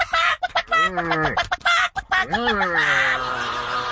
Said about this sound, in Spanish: Las gallinas correteándose como locas.